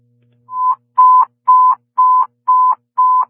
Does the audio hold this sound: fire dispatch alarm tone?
yes